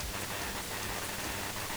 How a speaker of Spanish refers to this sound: Oye, Sofi, ¿está lloviendo por Mazatán?